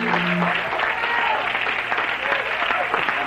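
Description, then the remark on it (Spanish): A large crowd claps steadily and loudly in applause for Christ, dense overlapping applause filling the whole moment, with faint voices and cheers mixed underneath. “Dale un aplauso a Cristo y esta noche, sí, se lo merece.”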